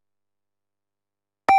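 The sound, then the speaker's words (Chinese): A single short electronic beep from the Guangdong News Radio time signal, marking 8:30 Beijing time, sounds loudly and clearly at the very end, after more than a second of silence. “北京时间8:30， 有影响力的声音，广东新闻广播，广东应急广播。”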